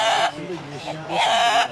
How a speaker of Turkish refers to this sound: Denizli horozu uzun ve ahenkli ötüşü ve aynı zamanda da albenili renkleriyle sadece Türkiye'de değil dünya çapında üne sahip.